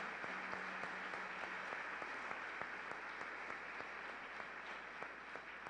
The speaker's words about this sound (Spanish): También damos la bienvenida a los hermanos de Talleres de Duelo Naín y acompañados también de su director espiritual. Un fuerte aplauso para todos ellos.